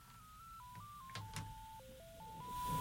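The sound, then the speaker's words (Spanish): A rapid series of telephone keypad dialing tones, each beep at a different pitch, with a couple of sharp clicks in between and a faint hiss that swells toward the end. “Marque mi teléfono celular, mire,”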